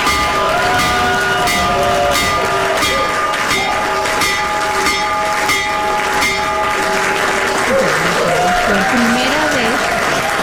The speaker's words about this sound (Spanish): Y pues ahí el presidente Trump tocó la campana.